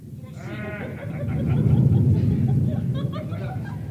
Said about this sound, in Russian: Ой, испугалась. Страшно в августе гром.